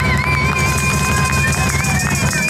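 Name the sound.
applause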